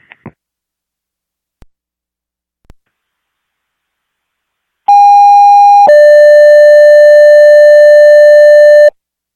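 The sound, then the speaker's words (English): Loud radio dispatch alert tones: a steady higher pitch held about a second, then a lower pitch sustained for several seconds, preceded by a few faint clicks and silence. “Disregard your tones, disregard your tones.”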